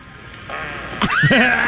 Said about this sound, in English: the world heard that. Oh, the man. Fart heard round the world.